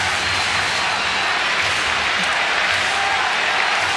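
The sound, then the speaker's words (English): A baseball stadium crowd roars and cheers in a dense, steady wash of noise for the full four seconds, loud and unbroken, with no single voice standing out, as the crowd gets back into the game after a double. “And they weren't gone long, but the crowd's back in it.”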